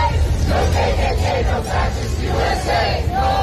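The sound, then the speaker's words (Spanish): A crowd of about 200 protesters in Maine, USA, protesting the presence of ICE, chants the slogan "Ni KKK, ni fascistas, ni ICE" in unison, voices rising and falling in a steady rhythmic cadence over a constant low rumble of the gathered protesters. “Ni KKK, ni fascistas, ni ICE se escucha gritar mientras en las pancartas se exige dejen de ejecutar a miembros de la comunidad.”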